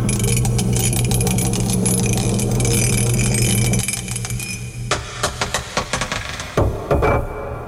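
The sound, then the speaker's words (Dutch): A die clatters and rolls across a table in a steady rattle, then spins out in a series of quick, sharp clicks that slow and fade, landing on number 1, with a low hum underneath. “Hij tolt nog eventjes na. Het is nummer 1 geworden vandaag.”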